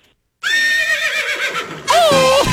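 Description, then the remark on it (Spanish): A horse whinnies loudly, a long quavering neigh that rises into a second shrill, wavering burst before cutting off. No one speaks. “Oh, mi caballo.”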